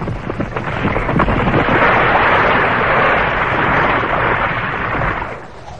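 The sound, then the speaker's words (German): A continuous, heavy roaring rumble of an avalanche, broad and loud throughout with low booming undertones, swelling slightly mid-way before fading out at the end. No voices. “Ab einmal hört er ein Geräusch, was trommelt.”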